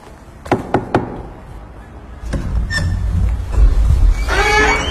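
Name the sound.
knocking on a door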